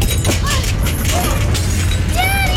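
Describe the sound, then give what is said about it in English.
An earthquake: a deep, continuous rumbling roar fills the whole stretch, with scattered crashing, clattering and breaking glass on top and voices crying out over the din. “It's an earthquake!”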